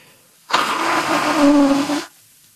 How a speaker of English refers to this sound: Sorry. I have to stop talking. I have to blow my nose because I can't hear you.